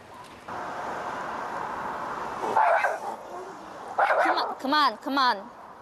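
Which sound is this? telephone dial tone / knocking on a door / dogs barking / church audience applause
dogs barking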